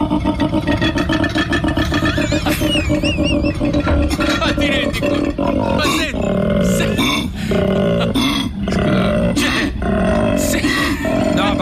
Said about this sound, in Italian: Senti, questo è un koala, Il koala è presente, un orsettino. Ma non è un treno.